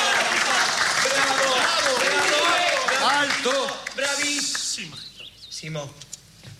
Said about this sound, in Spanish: ¡Muy bien! ¡Aplausos!